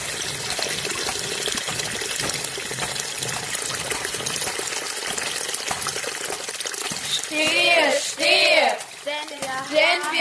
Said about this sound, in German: Seht, er läuft zum Ufer nieder, wahrlich ist schon an dem Flusse und mit Blitzesschnelle wieder ist er hier mit raschem Gusse. Schon zum zweiten Male, wie das Becken schwillt, wie sich jede Schale voll mit Wasser füllt.